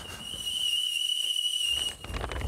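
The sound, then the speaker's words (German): A tea kettle whistles steadily with a shrill, sustained high tone and overtones, fairly loud, for about two seconds before fading out into background rumble. “Oh, ich höre den Teekessel schon pfeifen.”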